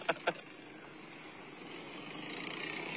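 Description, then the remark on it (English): Old trucks driving by in a parade: a vehicle engine drones steadily and grows louder as it approaches, with a couple of quick, sharp knocks right at the start and no talking. “Looks like those old trucks.”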